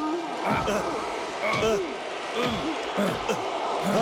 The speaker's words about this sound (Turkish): Rocky Balboa Rus'a ard arda yumrukları indiriyor. Ama Drago, Rocky Balboa esasemeten sıkı bir sağ vuruyor.